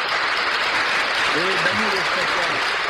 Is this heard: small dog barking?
no